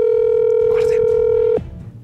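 A telephone call rings out unanswered: one long, steady, mid-pitched electronic tone holds for about a second and a half, then cuts off abruptly, leaving faint low background noise.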